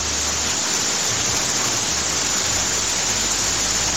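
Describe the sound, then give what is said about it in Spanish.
Heavy rain pours down in Chillán in a dense, steady hiss that fills the whole clip, loud with no breaks, sounding like a downpour heard over a phone line. “Hola, en este momento en Chillán tiran el agua con balde, escuchen.”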